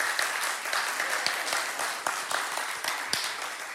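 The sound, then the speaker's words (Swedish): A church audience applauds steadily to welcome new members, many hands clapping in a dense, continuous patter with a few sharper individual claps standing out, holding an even loudness throughout. “Ge dem en applåd, härligt.”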